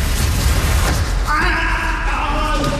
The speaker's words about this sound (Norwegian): Det der skriket der var jo helt forferdelig.